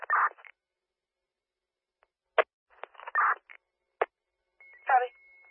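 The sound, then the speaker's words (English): Short bursts of emergency dispatch radio transmission with sharp clicks and brief garbled voices, ending with a thin, steady high-pitched alert tone that sounds under a voice for about a second; the dispatch sends Burlington Rescue to 7795 Lakeview Drive for a seizing 52-year-old man, tones at 1533. “Tone of tones at 1533.”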